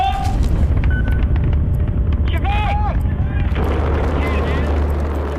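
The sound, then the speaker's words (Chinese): A rocket engine ignites and roars through liftoff at the 2003 launch carrying astronaut Yang Liwei into space, a loud, continuous, rumbling blast that fills the whole stretch, with brief higher tones flickering over the deep roar. “3、2、1，点火！”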